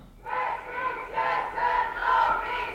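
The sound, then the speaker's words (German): A crowd chants in unison at a feminist strike demonstration in Winterthur on 13 June, in sunny but slightly windy weather, as the march reaches the Steinberggasse. Voices rise and fall in a steady repeating rhythm of about four surging phrases, loud and continuous with no clear individual speech. “Wir sind vor Ort da an der feministischen Demonstration heute am 13. Juni.”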